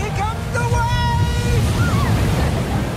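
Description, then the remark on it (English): A steady, rushing wash of ocean surf fills the background, with faint voices calling out intermittently over the constant roar of the waves. “When I was little, I would sit on his shoulders in the ocean.”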